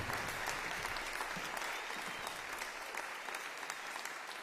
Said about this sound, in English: Violin Sonata in D Minor, Opus 5, Number 12 of Arcangelo Corelli, La Foglia, performed by Twelfth Night as an encore to their 2025 concert for the Cooperstown Summer Music Festival. Again, prompting delighted applause.